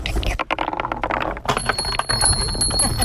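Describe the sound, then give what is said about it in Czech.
Marbles clatter and roll along a wooden marble run in the park at Zámostí by the river in Česká Třebová, then small bells on the run chime in and keep ringing with a bright, sustained tone as the clatter continues. Voices can be heard faintly. “Mně se líbí na to, že nejsou k tomu i nějaký i ty zvonečky.”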